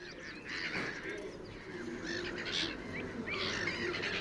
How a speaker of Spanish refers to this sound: Las gaviotas reidoras, nombre científico, Croicocephalus ridibundus, forman parte inseparable del paisaje del Tajo. De tamaño mediano, con patas rojizas y en primavera una característica cabeza de color chocolate oscuro,